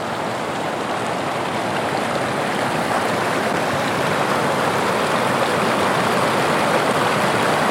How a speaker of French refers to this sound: Cette rivière qui coule au bout de chaque jardin. On y pêche, on se promène, on y fait la fête, mais parfois elle déborde.